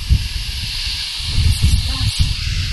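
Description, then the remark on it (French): A violent gust of wind roars through, a deep buffeting rumble beneath a steady airy hiss, swelling and surging midway before holding strong. Loud, with no voices. “C'est comme si un violent coup de vent s'abattait sur eux et remplissait toute la maison.”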